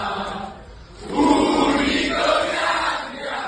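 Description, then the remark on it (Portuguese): A large crowd of football fans at the airport in Rome cheers and chants loudly to welcome player Rodrigo Mora, joining Roma from Porto, the roar swelling after a brief dip and holding as a dense, sustained wall of voices with no single speaker standing out. “Rodrigo Mora já está na capital italiana, vai reforçar a equipa da Roma e tinha à sua espera uma multidão que se fazia ouvir alto e bom som no aeroporto.”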